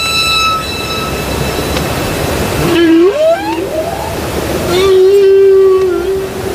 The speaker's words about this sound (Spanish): Los cánticos de las ballenas jorobadas que antes escuchamos